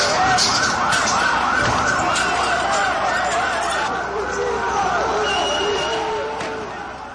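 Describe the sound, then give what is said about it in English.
Several police sirens wail at once in overlapping rising and falling sweeps, loud and unbroken throughout, over a rumbling crowd of voices and street commotion at a student protest outside the Prime Minister's residence in Tirana, Albania, where police met thousands of students with tear gas and water cannon. “This was the sound outside the Prime Minister's residence.”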